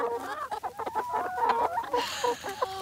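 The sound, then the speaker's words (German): Several chickens pecking on a grass pasture beside a mobile henhouse cluck in a busy, overlapping stream of short, throaty calls, with a few brief higher squawks toward the end and no one talking. “Mensch, euch geht's gut, aber ihr pickt ganz schön zu.”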